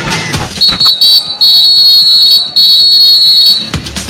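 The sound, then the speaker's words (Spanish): A referee's whistle signalling the start of the second half of a football match involving Argentina gives one long, shrill, high-pitched blast of about three seconds, wavering slightly, over a steady wash of crowd noise with a few sharp knocks at the start. “Para moverse la pelota, suena el pitazo del árbitro y la segunda parte arrancó.”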